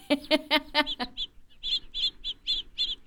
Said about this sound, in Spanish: Estamos mirando por la ventanita del avión. Ahí hay pajaritos